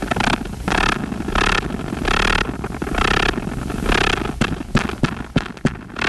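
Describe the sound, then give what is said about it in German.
A male wolf spider trying to attract a female, vibrating and drumming, recorded and made audible by researchers from the USA, heard as loud, rough buzzing bursts that pulse in a steady rhythm, then break into sharper rattling clicks near the end. No voices. “Bei männlichen Wolfsspinnen, die ein Weibchen anlocken wollen. Und dieses Vibrieren und Trommeln klingt so.”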